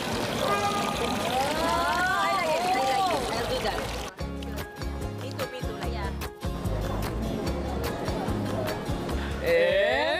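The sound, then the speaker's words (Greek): Spring water runs steadily from a fountain below Agios Andreas (Saint Andrew) in Amalfi, a continuous splashing trickle that carries through the whole clip, with brief murmurs and chirp-like tones rising above it now and then. “Βρήκαμε ωραία πηγή εδώ, κάτω από τον Άγιο Ανδρέα. Θα πιω και ό,τι γίνει.”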